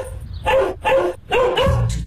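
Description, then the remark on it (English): A dog barks three times in quick succession, loud, with short gaps between the barks and the last one drawn out slightly longer. “Oh, who let the dogs out?”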